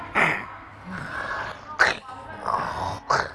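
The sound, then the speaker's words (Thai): A voice imitates sneezing, producing about three sharp, breathy "achoo" bursts spaced irregularly, with softer vocal sounds between them, fairly loud. “องทำแบบฮัทเช่แบบนี้ดู”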